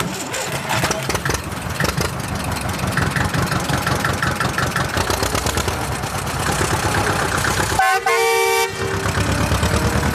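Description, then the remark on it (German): A green tractor's diesel engine cranks and chugs steadily as a woman climbs on and sets off, its rhythmic thumping running throughout, then a loud horn blares for about a second near the end. “Und schon klettert Fine sportlich elegant auf ihren grünen Trecker und los geht's.”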